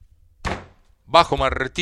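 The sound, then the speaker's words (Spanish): A single sharp wooden gavel strike rings out with a short decaying knock, then after a brief pause a tonal, voice-like sound follows. “Bajo martillo de madera acá.”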